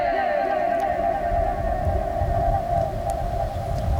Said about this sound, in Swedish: det är här då ekot studsar 20 gånger mellan taket och personen som pratar